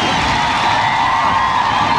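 An audience applauds and cheers in a dense, steady wash of clapping that holds at an even, fairly loud level throughout, with no speech over it.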